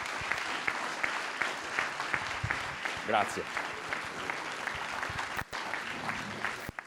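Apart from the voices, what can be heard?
audience applause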